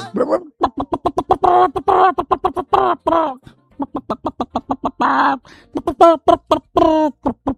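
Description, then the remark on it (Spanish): A rapid run of short, clipped clucking calls in quick, uneven bursts, fairly loud, sounding like a voice imitating a hen's clucking rather than a real bird. “Está la peristroica, una gallina que así se llama”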